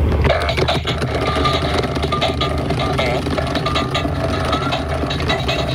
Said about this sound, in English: It's dancing and farting at the same time.